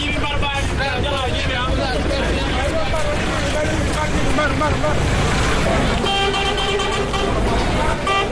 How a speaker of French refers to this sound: Sous un soleil accablant, des voyageurs, hommes comme femmes, de tout âge, traînent avec leurs bagages, entre autres valises, valisettes, sacs et même des moutons, un décor auquel s'ajoutent les cris des coxeurs et les klaxons des véhicules.